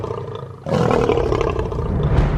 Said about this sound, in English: So the louder the roar, the better. In fact, a lion's roar can be heard up to 8 kilometres away. Lions use their impressive roar to warn rivals and to instill fear into all who hear it.